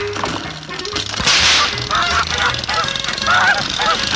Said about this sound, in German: Jetzt freut doch die Gans, weg! Ja, weg, die blöde Gans!